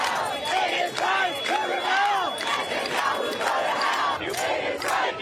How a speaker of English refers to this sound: Not far from the UN headquarters, crowds voiced their outrage at Benjamin Netanyahu, leading to around 100 arrests.